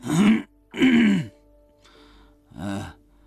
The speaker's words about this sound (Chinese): 啊了一声，又咳嗽了一下。